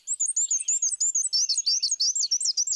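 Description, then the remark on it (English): A black-and-white warbler's song: high, thin, rapid repeated squeaky two-note phrases, a steady wheezy see-see-see pattern running continuously, clear with no voices. “black and white warblers thrive in a wide variety of habitats, from the southern U.S. to Colombia. But they breed in North America's deciduous forests, where males sing”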